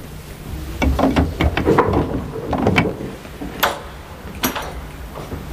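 A door being opened late at night with a cluster of wooden clunks and rattles, followed by a couple of sharper knocks or latch clicks, no voices.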